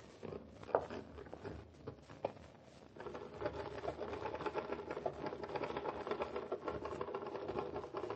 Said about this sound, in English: and type off a few lines of your new scene? Do it exactly as you did before, please.